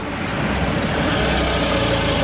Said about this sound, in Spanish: What's that? A car is pulling up.